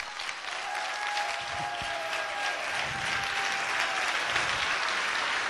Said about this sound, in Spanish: No, hombre, esto es para que usted hubiera dado ese aplauso más fuerte, hombre.